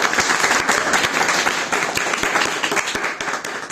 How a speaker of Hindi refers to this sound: बहुत बढ़िया कविता, ताली बजाओ जोर से।